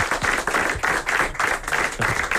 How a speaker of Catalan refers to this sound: Que bé sonen els aplaudiments enllaunats, que ha tirat el nostre tècnic de so